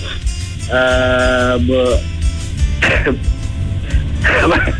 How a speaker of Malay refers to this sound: Batuk pula, Wak.